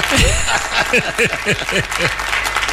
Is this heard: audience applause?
yes